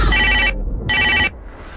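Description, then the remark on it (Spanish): A telephone in the booth of radio station Exa 95.5 rings twice in quick succession, each bright electronic trill lasting about half a second, loud over a low background hum. “WhatsApp en cabina”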